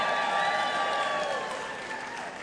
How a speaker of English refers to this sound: No one's going to check. They could have clapped for no reason, but...